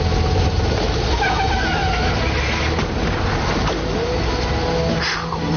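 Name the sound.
car approaching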